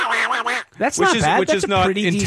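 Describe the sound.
A person does an impression of Donald Duck's voice, producing a rapid stream of garbled, quacky muttering, with a brief pause before the nasal, squawking babble continues.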